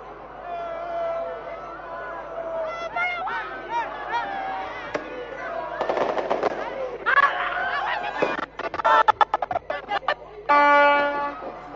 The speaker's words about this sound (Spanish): Ahí pueden escuchar lo que es el griterío. Obviamente, el máximo apoyo a nuestra selección realmente es algo fantástico.